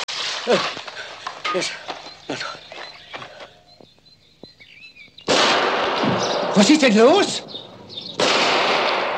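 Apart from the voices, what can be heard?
gunshots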